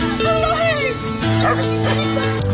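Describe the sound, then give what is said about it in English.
A dog woofs a few times, fairly loud, its deep barks mixed with voices talking over a busy background, in a clip from the Australian movie Red Dog. “What a great performance by the dog. And the way he woofed there was certainly worth playing.”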